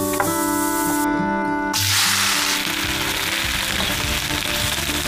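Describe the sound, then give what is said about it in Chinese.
Chicken sizzling loudly in a hot pan as it is stir-fried in a Tibetan family home, a steady crackling hiss that swells in after a brief moment of softer, tonal background and continues to the end. “鸡已经炒好了，特别香，我们现在放到石锅里面去。”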